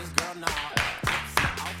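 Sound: timid applause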